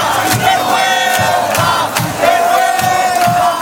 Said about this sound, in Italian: E hanno iniziato a gridare vergogna quando hanno saputo il risultato della votazione.